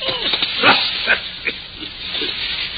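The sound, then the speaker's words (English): A dog holding a shoe in its mouth growls low and rough in a few short, uneven bursts, with a steady breathy hiss running underneath. “Did the dog bite it?”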